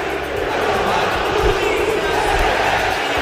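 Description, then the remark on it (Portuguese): A big football crowd at the Mineirão stadium roars and chants together in a steady, loud wall of voices, with rhythmic swells and low thumps rising through the dense noise. “Olha o clima do Mineirão.”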